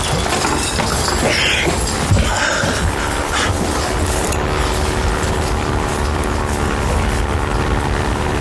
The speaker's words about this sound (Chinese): 什么声音啊？哎，是飞机！